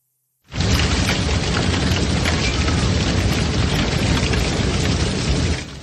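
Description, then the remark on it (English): Hail and heavy rain from a thunderstorm pound the back porch of a home in Omaha, Nebraska, on a Saturday, in a dense, unbroken roar, peppered with sharp crackling impacts. It starts abruptly and holds steady and loud throughout, with no voices. “Hail is battering the back porch of this home. You can also hear the ferocity of the rain.”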